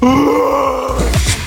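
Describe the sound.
A person lets out a loud, sustained roaring groan in a Messenger voice message, with a strained, wavering pitch, ending in a few rough, breathy bursts, with no words spoken.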